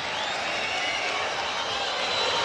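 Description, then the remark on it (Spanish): A stadium crowd shouts and jeers at Audax Italiano's number 22, Damián Pizarro, as he is substituted off, in a dense, steady roar that stays loud and unbroken for the whole stretch, with no single voice standing out. “No, le gritan algunas cositas a Damián Pizarro.”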